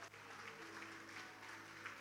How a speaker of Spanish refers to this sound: Tenemos 25 niños. Un aplauso a nuestra niñez.